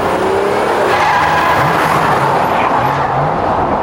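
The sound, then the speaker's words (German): A speeding car skids loudly around a curve, tires squealing in a long sustained screech over a roaring engine, with no talking. “Boah, der hat's aber eilig. Dass der in dem Tempo überhaupt die Kurve gekriegt hat?”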